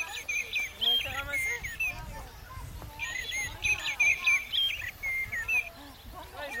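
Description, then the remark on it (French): A common blackbird sings varied, fluting phrases in bursts, clear, over a busy background of other chirping birds and faint rustling noise. “C'est un merle noir.”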